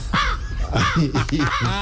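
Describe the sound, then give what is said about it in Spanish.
A person imitates a crow, giving three harsh, nasal caws in quick succession, loud, with no other talking. “A ver, por ejemplo, ¿cómo hace el cuervo? Así.”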